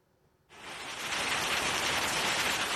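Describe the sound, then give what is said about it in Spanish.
A heavy downpour of rain and hail sets in abruptly after a brief quiet moment, becoming a dense, steady hissing roar that stays loud with no voices, during a storm in Hellín or Nerpio, Albacete. “En Albacete han activado la fase de alerta del plan para meteorología adversa por tormentas de agua y granizo como estas en Hellín o en Nerpio.”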